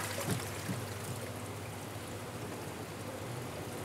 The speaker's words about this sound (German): Hier in den Quarantäneräumen des Aquariums darf Otto einen geruhsamen Lebensabend ohne Besucherverkehr verbringen. Langsam das Wasser reinkippen, sonst läuft das Becken über.